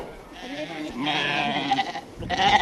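A crowd of ewes and suckling lambs bleat over one another as a bale of hay is brought to them at feeding, several wavering calls overlapping with a rustling, busy background, growing louder toward the end.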